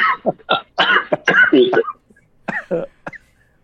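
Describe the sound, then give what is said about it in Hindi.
On a Radio Vidasta broadcast, a man with a cough and cold, blamed on going between AC and non-AC, coughs and clears his throat in a rough burst of several hacking coughs, then a short pause and a few more throaty coughs, fairly loud. “खांस लो, कौन रोक रहा है सर?”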